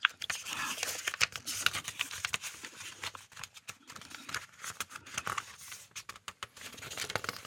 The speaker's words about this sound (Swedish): Då bläddrar jag lite. Ska vi se vad vi hittar där?